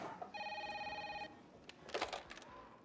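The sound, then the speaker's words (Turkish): A telephone rings with a steady electronic trill for about a second, then stops; brief rustling and clatter follow close by, with no one speaking. “Telefonu CIA'ya diye açabilirsin Felix.”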